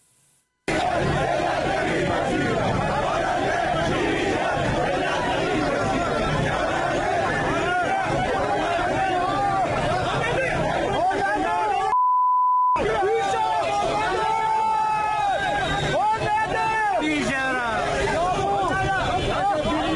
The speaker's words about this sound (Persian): این تجمع امروز مقابل ساختمان وزارت صنعت، معدن و تجارت در تهران برگزار شده. بر اساس اطلاعات دریافتی، نیروی انتظامی با گاز اشک‌آور به معترضان حمله کرده.